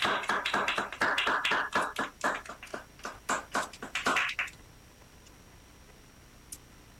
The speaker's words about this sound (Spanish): Bien, ahí está, fuerte el aplauso.